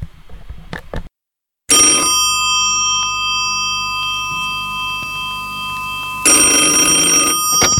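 A loud old-style telephone bell rings in two long metallic bursts separated by a few seconds of steady tonal hum, after a couple of sharp clicks at the start. No one speaks.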